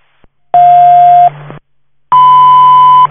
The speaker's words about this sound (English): Station 4, you can disregard tones and cancel.